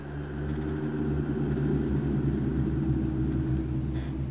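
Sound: distant thunder rumbling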